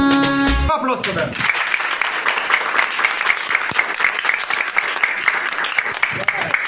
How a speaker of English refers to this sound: Applause for them.